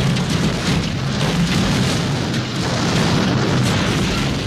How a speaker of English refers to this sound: Uh-oh. Was that the air conditioner? Or is the house trying to launch into space?